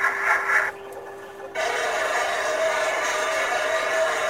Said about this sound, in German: Das ist ein U-Boot. So klingt ein U-Boot. Dieses Klatschen, das war ein Torpedo, der da irgendwann ins Wasser geworfen wurde. Das war nur zum Aufzeichnen, damit man weiß, was ist das.